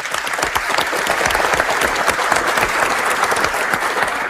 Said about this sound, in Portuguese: Muito bem, uma salva de palmas para eles.